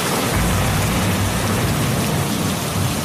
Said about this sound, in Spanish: A ver, bueno, vaya, pues o es una tormenta muy repentina o es que llega Elsa Ruiz para hablarnos de cine de terror.